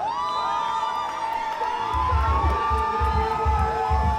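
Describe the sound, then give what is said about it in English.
A large concert crowd screams and cheers loudly and continuously as the singer pulls a woman up onto the stage, high shrieks sliding up and down over the roar, with deep rhythmic thumps of music pounding underneath in the second half. “He's pulling her up. Crowd's going crazy. Now she's up. Crowd's screaming.”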